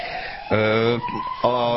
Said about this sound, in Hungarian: Pont jó, vagy pont illeszkedik a sziréna, hogy hallatszik a következő kérdéshez